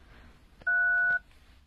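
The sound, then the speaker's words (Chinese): A single telephone keypad tone sounds once while dialing a phone call, a steady dual-pitched beep lasting about half a second, loud and clear against faint background hiss. “麻烦你给他打个电话，就说有事情让他来一下。”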